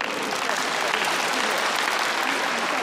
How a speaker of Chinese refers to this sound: 我们再次为王仁君响起掌声，祝贺。